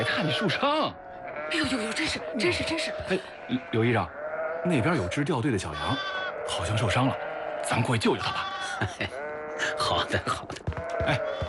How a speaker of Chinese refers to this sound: 军官朋友们，前面有埃塞俄比亚北山羊路过，我们等一下，让他们先过去。